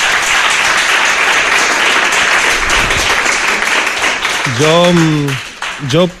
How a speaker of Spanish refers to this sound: Un aplauso para vosotros y vosotras.